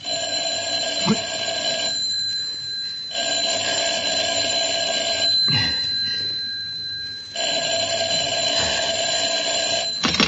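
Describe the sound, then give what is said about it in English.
A telephone rings loudly in three long bursts separated by short pauses, the bright electric trill sounding alone with no voices. “I'm sorry, he can't come to the phone just now.”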